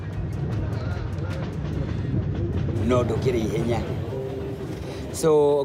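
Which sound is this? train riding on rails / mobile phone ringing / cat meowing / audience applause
train riding on rails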